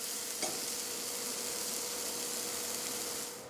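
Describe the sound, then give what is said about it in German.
Chives and chopped parsley being tossed in a frying pan: a steady, hissing sizzle throughout, with a single short scrape or clack early on, fading slightly at the end. No talking. “Und einmal gut durchschwenken.”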